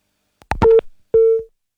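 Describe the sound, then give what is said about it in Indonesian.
A phone line clicks and crackles, then two short, steady electronic beeps sound in succession, a telephone busy tone after the call with Pak Teddy Rusmawan, member of Commission 1 of the West Java Provincial DPRD, drops, with no one speaking. “Kami terputus hubungan telepon bersama Pak Teddy Rusmawan selaku anggota Komisi 1 DPRD Provinsi Jawa Barat.”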